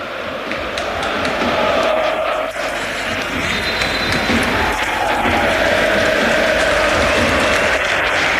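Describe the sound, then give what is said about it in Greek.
A large crowd at the Georgios Karaiskakis stadium applauds Gonzalez as he is substituted off, a dense, sustained roar of clapping that holds loud and even for several seconds without pause. “Έξω ο Γκονζάλες, ο οποίος χειροκροτείται από όλο τον Γεώργιο Καραϊσκάκης, και στη θέση του μπαίνει ο Ρόμαν Γιάρεμτσουκ στην επιστροφή του.”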